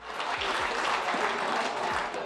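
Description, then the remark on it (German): Steady applause fills a festival tent at the award ceremony for the winners of a village skittles contest, many hands clapping densely and continuously at a fairly loud, even level with no voices standing out. “Bei der anschließenden Siegerehrung im Festzelt, dann Applaus für die kleinen und großen Gewinner und in diesem Jahr Gewinnerinnen.”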